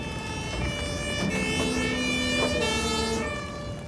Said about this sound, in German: Mit Martinshorn und Blaulicht geht sofort ab ins nächste Krankenhaus.